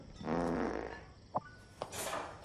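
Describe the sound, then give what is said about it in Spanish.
A short, buzzy fart rumbles for under a second, followed by a few faint clicks and a breathy hiss, with no one talking. “¿Sabes por qué Dios hizo que los pedos olieran?”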